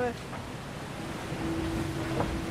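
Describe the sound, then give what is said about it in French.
A hydrofoil boat at speed, lifted up on its foils at 27 knots (about 50 km/h), its steady thin whistle rising out of loud rushing water and wind partway through and holding to the end. “Donc dès que ça siffle comme ça, c'est que ça vole.”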